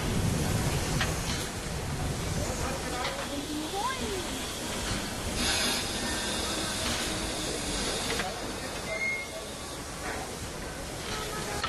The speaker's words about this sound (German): Und wenn eine Dampflok lange stand, werden diese Ventile bedient, der Zylinder nochmal mit Dampf erhitzt, sodass es dort kein Kondenswasser mehr drin gibt und Schäden am Zylinder vermieden werden.